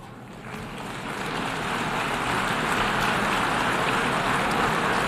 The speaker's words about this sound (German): Verhaltener Applaus für Deutschland, bloß 104 Stimmen.